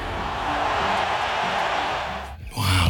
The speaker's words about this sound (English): Listen to the crowd. Yeah, they love it. That is amazing.